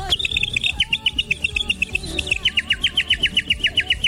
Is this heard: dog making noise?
no